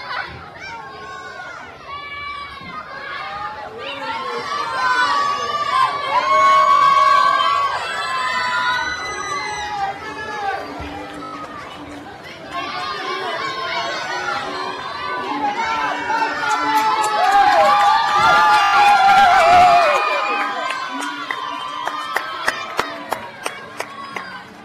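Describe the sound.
A crowd at an awards ceremony cheers and whoops loudly for a Film Clip of the Year winner, many high excited voices overlapping and swelling, with scattered sharp claps breaking through toward the end.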